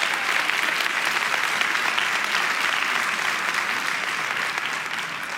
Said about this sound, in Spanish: Vamos, iglesia, si alguien va a aplaudir, tiene que hacerlo con ganas el día de hoy.